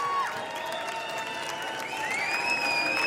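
A crowd roars steadily with applause and cheering, shrill whistles rising and holding above the noise as they shout for a female performer to come out.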